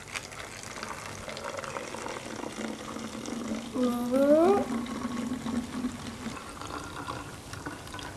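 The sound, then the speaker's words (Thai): Water pours steadily into a bottle with a hissing, splashing wash, and partway through a resonant tone sweeps sharply upward in pitch for under a second as the bottle fills. “ได้ยินไหมเสียงโอเคบรรยากาศเหมือนกันอยู่แล้วเพราะเราการันตีว่ายังไงมันก็ต้องได้ยินเสียงในลักษณะที่แหลมขึ้นรูดขึ้นไปอยู่แล้ว”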